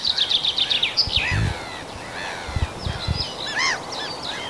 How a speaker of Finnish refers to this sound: Ja siellä kuului kirjosieppo tuossa peipon lomassa. Niin se oli, kirjosieppo oli sulle tämän kevään ensimmäinen.